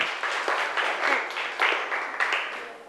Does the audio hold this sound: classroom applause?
yes